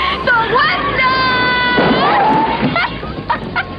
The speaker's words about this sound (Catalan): És un crit en tota regla de la pel·li Tomàquets Verds Fregits, de la prota, que és una autèntica heroïna.